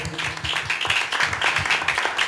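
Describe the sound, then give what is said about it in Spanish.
A crowd claps loudly and steadily for the Lord, a dense wash of many hands with a faint rhythmic pulse underneath, filling the whole moment with no speech. “Denle palmas fuertes al Señor si está captando.”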